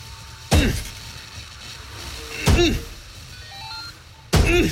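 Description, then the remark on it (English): A stuck car door being forced open after the car went off the road, heard as three heavy, jarring thuds about two seconds apart, each a loud metallic bang that rings briefly, over a low steady background rumble. “I gotta get out and see what we hit.”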